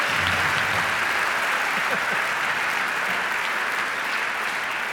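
Steady audience applause fills the whole stretch, a dense wash of clapping from a sizable crowd at constant loudness, with faint voices murmuring underneath.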